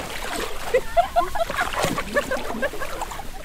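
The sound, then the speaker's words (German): Continuous sloshing and splashing as someone wades barefoot, knee-deep, through water, with irregular bursts of churning. Faint voices murmur in the background. “Bis zu den Knien steht er barfuß im Wasser.”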